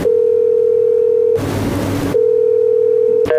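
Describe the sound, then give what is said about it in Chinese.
A steady, single-pitched telephone ringing tone from a call to a manufacturer's manager about multivitamins drones on, breaks for a short burst of hissing noise, resumes, then cuts off with a few clicks as the call goes unanswered. No one speaks. “不接电话啊？怎么不接电话、 再试一次。”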